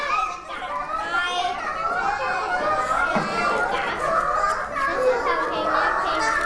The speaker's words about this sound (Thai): อุ๊ยพอเด็กๆเสียงดังคุณครูแพลไม่มีสมาธิเลยค่ะถ้าเด็กๆเสียงดังเวลาทำกิจกรรมเพื่อนๆจะมีสมาธิไหมคะ